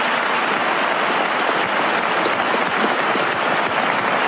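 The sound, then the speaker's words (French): Sustained audience applause for Gabriel Attal during a debate with Jean-Luc Mélenchon, dense and steady for several seconds, many hands clapping at once with no talking over it. “Ah ben, ça a été le plus applaudi.”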